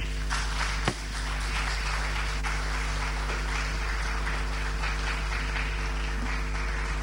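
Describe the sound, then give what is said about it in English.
Steady applause from an audience after a professor's speech fills the whole stretch, a dense, even crackle of many hands clapping over a low constant hum, with one sharp thump near the start. “Another round of applause for Prof.”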